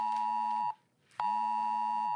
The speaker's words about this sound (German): Auch folgender Ton war zeitgleich auf tausenden Handys zu hören.